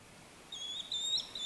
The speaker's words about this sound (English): The American Kestrel, or Falcos Barbarius, says its goodbyes. Let me see if I can... We'll do one last call.